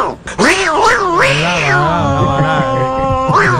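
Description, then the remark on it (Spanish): A female cat meows loudly and insistently, a string of drawn-out, wavering yowls that rise and fall in pitch and run together for several seconds. “La gata, tú sabes, aquí produciendo.”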